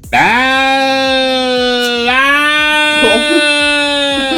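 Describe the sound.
A person imitates a cat in heat with one long, sustained, wavering yowl, a harmonic-rich nasal wail that dips slightly in pitch midway, then continues loud and steady with a quavering tail.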